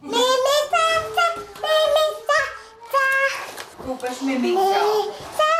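A young child plays in the playroom of an asylum house in Olešná, making high, sing-song vocal sounds and little exclamations in a steady stream with short pauses, with faint bumps and rustles of play underneath.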